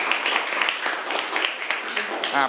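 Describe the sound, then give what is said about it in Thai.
A group of students in a classroom claps for a classmate who answered a question correctly, a dense, steady patter of many hands that runs the whole time, with a brief voice rising over the applause near the end. “นักเรียนคิดว่าถูกไหมถ้าถูกก็ปรบมือให้เพื่อนเลยครับ”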